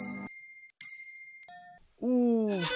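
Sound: small bell tinkling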